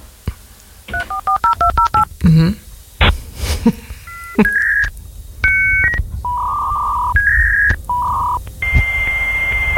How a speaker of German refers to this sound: Ja, das war so ein 33,6er Modem, mit dem man schon im BTX unterwegs war oder im Internet sozusagen.